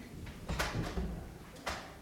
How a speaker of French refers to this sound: Mais est-ce que c'est possible d'ouvrir la porte là ? Hein ?